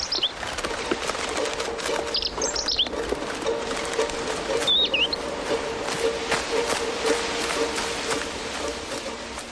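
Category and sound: bird, robin chirping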